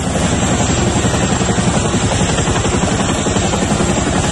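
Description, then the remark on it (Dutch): Loud, steady thudding of military helicopters passing overhead early in the morning in the Rotterdam region during a Royal Air Force anti-terror exercise, the rapid rotor chop continuous throughout with a dense roar of engine noise and no voices. “Ja, je herkent het denk ik wel, het geluid van helikopters.”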